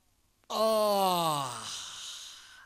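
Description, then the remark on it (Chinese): A single long, drawn-out yawn voiced by a male storyteller imitating the character Xu Ning yawning and stretching after putting his book on the table, starting strong and sliding downward in pitch before trailing off into a breathy sigh, clear with no other sounds. “就看徐宁把那书本往桌子上一放，打了个哈欠，伸了个懒腰。”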